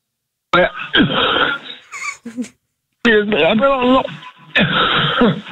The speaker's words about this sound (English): I just got done with some cereal. I think I got a piece that was stuck in my throat. I didn't mean to cough on the phone.